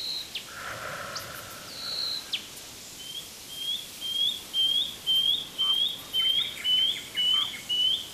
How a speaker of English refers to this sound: What a sweet little bird. This is the shining bronze cuckoo. It has iridescent green wings with a black and white striped belly. It's a very fancy feathery coat.